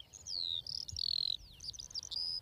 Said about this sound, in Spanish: Sí, cuando escuchamos aquí el concierto de todas las alondras, está claro que este es el hábitat ideal para las aves. Y aquí ya tenemos, si prestas atención, una, dos, tres parejas cantando. De fondo, incluso se oye a la alondra gris